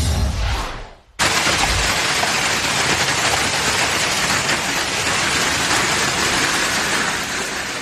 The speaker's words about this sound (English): That is a hailstorm. Oh, my goodness. Louisiana. I feel bad for that car.